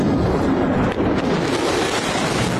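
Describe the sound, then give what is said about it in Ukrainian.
A loud, continuous roar of heavy supersonic bombers flying overhead during the American anthem, a dense rumbling wash of noise that stays steady for a few seconds with only a brief dip, and no voices. “Коли рев двигунів розриває повітря, у Трампа спрацьовує базовий рефлекс.”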